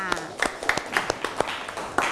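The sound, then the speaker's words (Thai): A small group of students in a classroom claps unevenly for a couple of seconds for a classmate who answered, sharp scattered hand claps, with a voice audible faintly underneath at the start. “ขอบคุณค่ะขอเสียงปรบมือให้เพื่อนหน่อยค่ะ”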